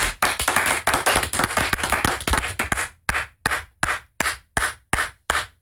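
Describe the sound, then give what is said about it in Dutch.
Dense, rapid clapping like a burst of applause at a stadium concert, thinning after a few seconds into one person's slow, steady claps, about seven sharp, evenly spaced claps alone, imitating a lone fan who kept clapping after each song. “Er was één fan gewoon continu klappen.”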